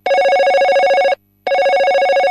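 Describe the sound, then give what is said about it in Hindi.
A telephone rings for an incoming listener call to a radio request programme on FM Guna: two loud bursts of rapid electronic trilling separated by a short silent gap, with no voices present. “और इस कार्यक्रम का आगाज करते हैं पहले फोन कॉल से। आइए देखते हैं हमारे कौन से श्रोता इस समय लाइन पर हैं।”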